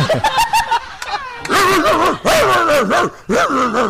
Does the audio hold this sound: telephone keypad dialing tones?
no